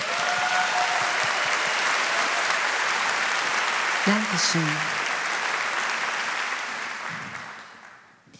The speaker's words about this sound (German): Mach mal bitte Applaus